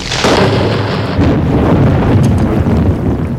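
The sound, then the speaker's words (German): A loud thunderclap bursts in almost at once, then rolls on as a deep, continuous rumble with a windy, hissing edge, heavy throughout. “Auf jeden Donnerschlag antwortete er mit einem Hammerschlag.”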